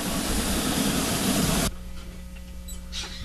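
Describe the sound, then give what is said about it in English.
A loud, steady burst of steam hissing cuts off abruptly, leaving a low engine rumble and faint mechanical clanks as a train in the station starts pulling away, with no voices. “Here, we're hopping onto a train. There it is. It's in the station. It's pulling.”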